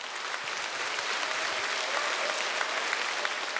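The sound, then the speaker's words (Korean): Sustained concert audience applause in the Yeonakdang hall of the National Gugak Center in Busan, for the center's dance company after a court dance: a dense steady wash of many hands clapping at an even loudness throughout, with no voices rising above it. “네, 멋진 무대 선사해 주신 국립부산국악원 무용단 여러분께 다시 한번 뜨거운 박수 부탁드립니다.”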